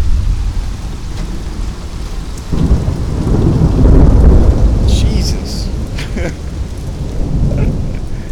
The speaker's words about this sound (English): Okay, we got massive storms. It's really nice.